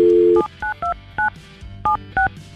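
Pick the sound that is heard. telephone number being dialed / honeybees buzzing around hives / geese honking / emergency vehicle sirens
telephone number being dialed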